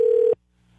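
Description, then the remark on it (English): A phone call ringing tone: a single steady electronic burst, loud, that cuts off abruptly after about a third of a second, leaving near silence with no one speaking. “Waiting for the ring.”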